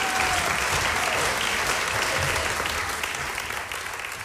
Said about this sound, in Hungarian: Kérek egy nagy tapsot nekik.